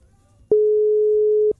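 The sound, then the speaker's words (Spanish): A single WhatsApp call ringing tone sounds once on an unanswered call: a steady, mid-pitched electronic beep lasting about a second, clear, with only a faint low rumble around it. “De tu WhatsApp, o sea, debe estar viendo que suena y llama”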